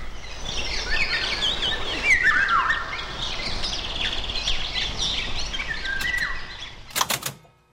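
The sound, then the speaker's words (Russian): A Eurasian golden oriole sings fluting, whistled phrases amid a busy chorus of other birds chirping outdoors, followed by a few sharp clicks at the very end; a recording from Krugozor magazine, September 1975. “Материал Валентина Скорятина «Это птица-праздник. Песнь пугливой Иволги».”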